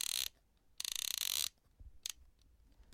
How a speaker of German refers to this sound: Und jetzt kommt der Auslöser. Ja, die Sounds des analogen Fotografierens.